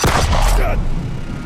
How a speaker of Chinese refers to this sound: 老头， 他们全开枪了！